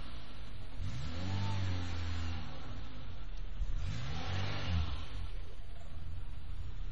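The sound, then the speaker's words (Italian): The engine of a Peugeot 806 car carrying four people revs up twice in close succession as the car climbs onto a sidewalk, rising and falling in pitch, with steady road and engine rumble throughout and no voices. “Stiamo salendo sul marciapiede.”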